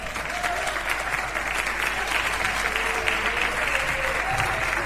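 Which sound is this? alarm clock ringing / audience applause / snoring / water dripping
audience applause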